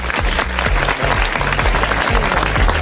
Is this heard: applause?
yes